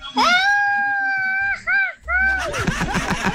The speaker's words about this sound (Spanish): Y yo de mi parte, de mi propia bolsa, les voy a regalar al mejor grito mexicano un chicle de mi sueldo.